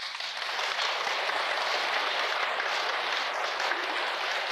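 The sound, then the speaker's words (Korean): A crowd applauds steadily, many hands clapping in a dense, even wash of sound that holds at a constant loudness for several seconds, with no voices on top. “나 또 이렇게 전 국민이 이렇게 못 됐다고 그러는데 박수 치는 건 또 그러니까 그게 동감을 표시하는 겁니까?”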